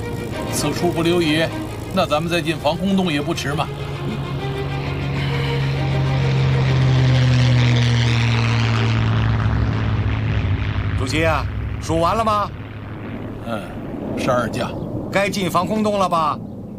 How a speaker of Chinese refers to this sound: 主席，敌机来了，快走吧！主席，哎，主席，敌机来了，快走吧！ 走，咱们快进防空洞。